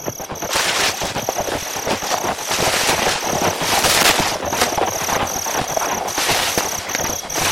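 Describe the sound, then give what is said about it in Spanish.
Horse hooves pound in a rapid, steady clatter of sharp knocks that stays loud throughout, with a thin, high, pulsing chirp of crickets running behind it. No one speaks. “¡Cascos de caballos!”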